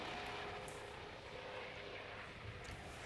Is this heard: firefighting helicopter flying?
yes